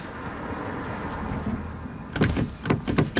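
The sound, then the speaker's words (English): A stuck car door is tugged at repeatedly in a scene from the film Maddie's Secret, giving a cluster of loud rattling clunks in quick succession after a few seconds of low, steady interior rumble. “Oh, Dina, the door's stuck.”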